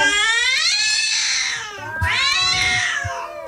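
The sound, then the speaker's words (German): Two long, drawn-out kitten meows rise and fall in pitch like a sung melody, loud, with a brief dip between them and no talking. “Ja, es sind die singenden Kätzchen und wir spielen ihren ersten Knallerhit hier 10 von 9.”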